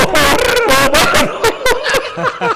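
A dog barks loudly: a few drawn-out, yelping barks in a row, then several shorter, sharper ones. No voices are heard.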